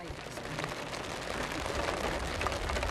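Steady rainfall hisses and patters in a dense, even wash of noise, with fine crackling drops throughout and a low rumble underneath, holding at a constant level for the whole stretch.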